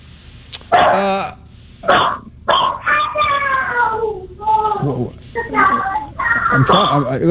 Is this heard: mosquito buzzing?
no